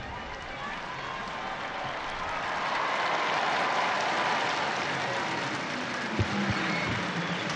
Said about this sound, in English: So we just have to wait a few moments for the clock to strike 12, and at that point usually you can hear the crowds right on cue.